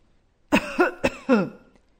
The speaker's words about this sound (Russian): Сначала она услышала старческий кашель.